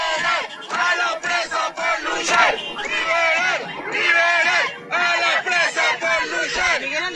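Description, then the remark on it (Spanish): A large crowd shouts rhythmic chants of freedom for imprisoned comrades in unison, loud and continuous, the voices rising and falling in repeated bursts with brief pauses between phrases. “Gritos de libertad para los presos, para las presas, para todas las compañeras, compañeros, compañeres que están secuestrados en las cárceles”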